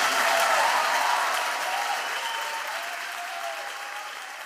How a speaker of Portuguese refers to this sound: Aplauda o Espírito Santo de Deus.